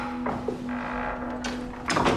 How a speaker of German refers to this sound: Er ging bis zum Ende des Flurs und öffnete eine Tür.